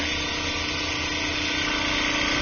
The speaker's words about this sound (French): on peut les mettre dans un tissu lyser. Donc en fait, ça va agiter très rapidement avec des petites billes à l'intérieur